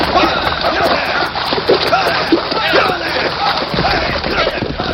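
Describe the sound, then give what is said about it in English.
Heavy, continuous splashing and sloshing of water as horses churn through a creek, loud for the whole stretch, with muffled voices mixed into the rush. “Then pull him from their saddles. Drag him through the creek.”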